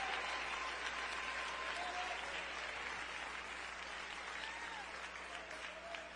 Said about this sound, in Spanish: Dale un aplauso de alabanza al Señor.